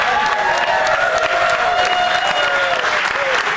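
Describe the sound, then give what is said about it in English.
A television studio audience in New York City applauds loudly and steadily, with whoops and cheers rising above the dense clapping, sustained for the whole stretch. “You guys, it's such a great crowd.”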